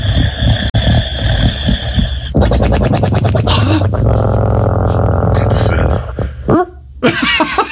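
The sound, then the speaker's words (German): Pablo, a black French bulldog, snores in loud, rattling, snorting bursts, with a rapid fluttering buzz in the middle and wheezy, grunting breaths throughout, steady and continuous for several seconds. “Er kann natürlich unfassbar süß schnarchen. So süß, dass ich nicht mal schlafen kann manchmal. Es klingt dann übrigens so.”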